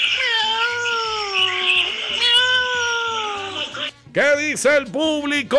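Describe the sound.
A person imitates a cat for a radio animal-sound imitation contest, sent in by a listener from Sabaneta, Maracaibo. Long wavering meows drawn out for a few seconds, then a quick series of short, choppy mews, loud.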